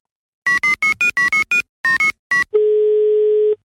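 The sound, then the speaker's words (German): A rapid run of about ten short keypad dialing beeps, followed by a single steady electronic phone tone lasting about a second, like the ringing signal of an outgoing call. No one speaks. “Ja, dann so rufen wir ihn jetzt an.”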